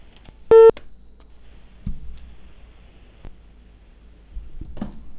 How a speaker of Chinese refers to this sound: 来，我们打监察大队的电话啊。